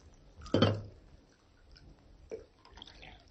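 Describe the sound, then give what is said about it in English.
A short burst of coffee pouring into a cup, fairly quiet, followed by a faint drip or small splash a moment later, then near silence. “Alpha poured coffee.”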